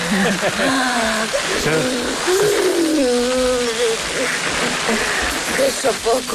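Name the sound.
garden hose spraying water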